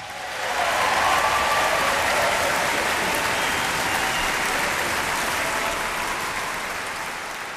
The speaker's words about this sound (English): And to help us with that, let's give a big welcome round of applause for the Mendelssohn Choir of Pittsburgh.